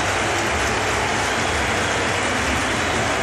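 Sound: stadium crowd applause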